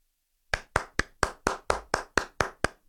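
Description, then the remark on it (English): About eleven sharp hand claps in a fast, steady rhythm imitating the cadence of steps, like a quick walking or trotting cadence, fairly loud after a brief silence, with no talking. “It's basically, this is the cadence of the steps. Are you ready? Yep. I'll do it using my hands clapping.”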